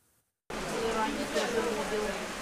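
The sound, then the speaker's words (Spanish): Steady rain patters and hisses across an outdoor market in Bohodukiv, in the Kharkiv region, on a Sunday morning. It begins abruptly after a brief silence and holds an even wash of sound, with faint indistinct voices of residents buying food, cuttings and seeds mixed underneath. “A pesar de la lluvia, los vecinos acuden a este mercado para comprar alimentos, esquejes y semillas de cara a la próxima temporada de siembra.”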